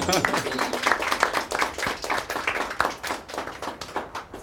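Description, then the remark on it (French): A crowd of participants applauds themselves after a presentation about the Canal du Midi, dense overlapping hand claps rising and falling steadily for several seconds, with some voices mixed in underneath. “Merci, vous pouvez vous applaudir.”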